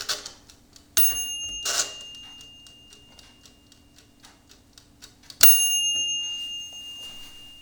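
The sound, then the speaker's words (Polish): A mechanical timer on a Turbo halogen convection oven ticks steadily, broken by two bright metallic bell dings a few seconds apart, each ringing out and fading slowly. The bell signals when it is time to take the food out. No one speaks. “Po prostu za pomocą takiego dzwonka, ja może jeszcze raz zademonstruję ten dzwonek.”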